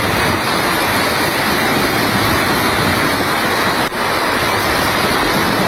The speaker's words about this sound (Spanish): El sonido del agua, además, en la localidad de Huelma, el temporal ha arrastrado las vallas de un puente y también se ha registrado un aviso por la entrada de agua en una vivienda.